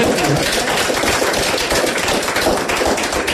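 A crowd claps steadily, a dense crackle of many hands at an even, fairly loud level throughout, with no voices heard over it.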